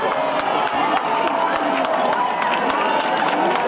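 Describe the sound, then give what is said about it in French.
A large crowd in Spain cheers and shouts during a total solar eclipse in a steady, dense roar, with scattered sharp whoops and claps bursting out above the continuous noise throughout. “Partout en Espagne, de la joie et quelques cris.”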